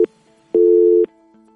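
A telephone line tone on an incoming call that fails to get through sounds in steady half-second pulses: a loud steady beep, a pause, then another beep beginning, with a faint hum between. No voices are heard.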